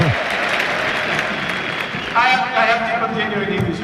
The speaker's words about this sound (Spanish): Hansi Flick. Vamos a ver. Va Flick. Ovación extraordinaria.